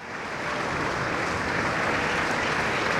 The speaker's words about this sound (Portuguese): Palmas para …, na Voz do Operário, e também ele operário de tantos poemas e canções da língua portuguesa, no último adeus ao mar de outras vozes que juntas compõem o … por ….